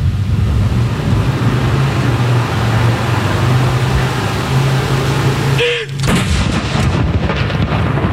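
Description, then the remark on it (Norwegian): A single ceremonial cannon shot, the second of the salute, booms out at Akershus Fortress partway through, loud and sharp with a rolling tail, over a steady low outdoor rumble. “Andre kanon!”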